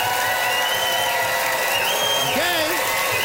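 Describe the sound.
An audience votes for a contestant by cheering and applauding loudly and steadily, dense clapping mixed with shouting voices and rising whoops that never let up across the few seconds.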